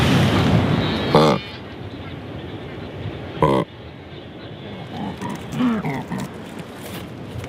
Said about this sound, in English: The Bounty Island Shag.